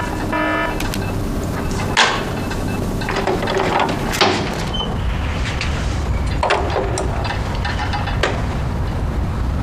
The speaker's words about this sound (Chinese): 你们干什么？还把我墙砸一个洞！